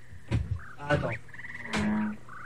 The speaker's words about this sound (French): Mais c'est la grenouille. Mais non, parce que là, c'est des bruitages, parce que j'ai pas amené tous les CD, donc j'ai pas tout, là.